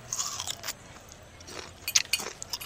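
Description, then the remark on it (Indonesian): Someone bites into food and chews, giving a string of crisp, crunchy bites with quick crackly bursts between softer mouth sounds. No one speaks. “Kenapa kamu udah makan duluan sih?”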